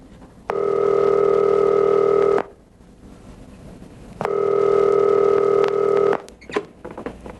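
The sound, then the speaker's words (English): A telephone call goes through: two long, steady electronic ringing tones, each about two seconds with a pause between, followed by faint clicks and handling noise. No one speaks. “But we both knew something had to change, so I made a phone call.”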